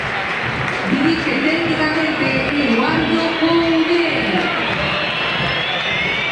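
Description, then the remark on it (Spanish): A River stadium crowd applauds and whistles for the player Borré in a steady, dense roar that holds for several seconds, with sustained voices and thin whistles rising above the clapping. “Pero van a aplaudir.”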